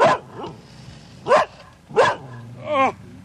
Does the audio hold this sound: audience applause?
no